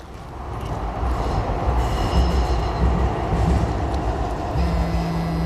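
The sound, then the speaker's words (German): A train rumbles steadily at a station platform, its low heavy roar filling the air with faint metallic squeals and clatter of wheels on rails, no voices present. “An der Bahnhaltestelle entdecke ich ihn. Er geht auf das Gleis gegenüber”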